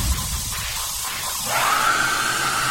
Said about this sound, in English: Oh, that's got a hairdryer on the end. Very strong. Was that a hairdryer? Yes. I thought it was a scream. Is it a hairdryer? It is a hairdryer.